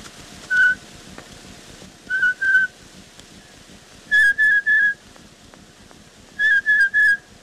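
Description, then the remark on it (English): A blue jay call, likely whistled by a person in imitation, from an old cylinder recording of bird calls: clear, pure notes in groups of one, two, three and three, moderately loud over a steady crackly hiss. “Blue jay.”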